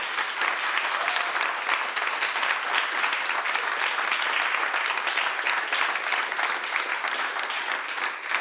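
Steady, dense applause from an audience, many hands clapping in a continuous wash of sound that holds at an even loudness for the whole stretch, with no voices standing out.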